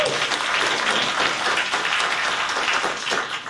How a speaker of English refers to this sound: So, a round of applause for